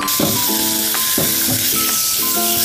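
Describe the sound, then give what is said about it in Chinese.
Sliced cured pork stir-frying in a wok with a little oil: a steady, loud sizzle runs throughout, broken by a few spatula scrapes and tosses roughly every second, with no talking. “把这个腊肉切稍微薄一点的片，腊肉片切好了，接下来呢我们开火，锅里倒少量的油，因为腊肉有油，把腊肉倒进去翻炒一下。”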